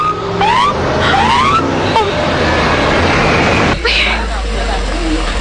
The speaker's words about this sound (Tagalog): Ang patrol car? Nagapakanto diri?